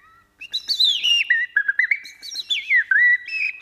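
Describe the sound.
Bird-voice imitators whistle an imitation of birdsong: bright warbling phrases with quick sliding trills and chirps, running continuously for a few seconds with no talking.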